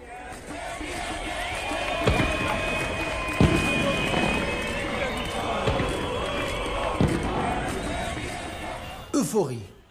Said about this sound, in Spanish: Euforia, celebraciones, vítores, bocinazos, aplausos. Todos están entusiasmados porque Kais Saied ha decidido tomar el poder y expulsar a los funcionarios corruptos del Parlamento y del gobierno.